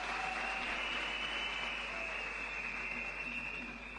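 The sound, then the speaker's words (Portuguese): A crowd at the ninth National Youth Conference in Pemba applauds the partners steadily for about four seconds, a dense, loud wash of clapping that holds even throughout, with a faint high ringing tone lingering underneath. “muito obrigado pela sua presença e todos os parceiros aqui presentes que nos apoiaram para a realização desta nona Conferência Nacional da Juventude e queria pedir uma grande salva de palmas para os nossos parceiros.”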